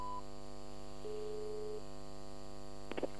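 A mobile phone call drops: a brief beep, then a flat electronic tone lasting under a second, followed by a few quick clicks, all over a steady low electrical hum.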